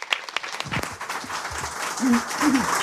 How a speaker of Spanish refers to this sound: Bueno, pues se escuchan los aplausos hasta más allá de lo que vemos